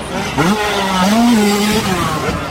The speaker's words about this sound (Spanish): ¡Motos volando!